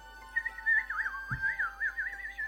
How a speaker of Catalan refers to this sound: Mentre el nen s'allunyava caminant pel bosc, va poder sentir la lletra de la nova cançó que l'estrany ocell cantava.